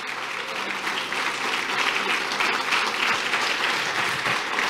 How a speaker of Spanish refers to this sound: ¿Cuántos lo creen así? ¿Cuántos den un aplauso así?